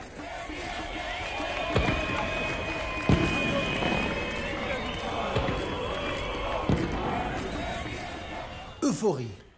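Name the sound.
street crowd cheering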